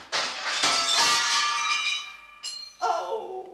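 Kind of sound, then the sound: impact, window glass shattering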